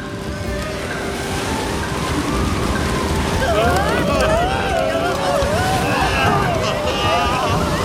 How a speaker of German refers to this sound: Unterdessen kämpfen die Wikinger gegen den Sturm. Sie können sich kaum noch halten und drohen, davongeweht zu werden.